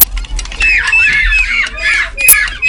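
Loud seagull squawks ring out again and again, several harsh calls overlapping over a low rumble of outdoor background noise, with no one speaking.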